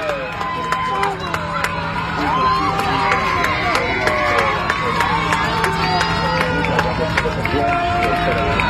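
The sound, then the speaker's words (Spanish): A large crowd of Argentine fans cheers and celebrates continuously after a World Cup final, with dense overlapping shouts, whistles and chatter filling the scene at a steady, loud level, energetic throughout. “Y ahí festejando a los argentinos a todo lo que da”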